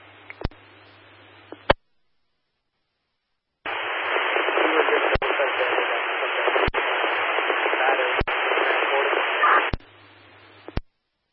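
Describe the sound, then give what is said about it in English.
Harsh radio static hisses loudly for several seconds, broken by sharp periodic clicks, with quieter crackly noise and a low hum before and after a brief silent gap: a garbled radio transmission of which only one word came through. “all we copied was the word combative. The rest of your transmission was all static.”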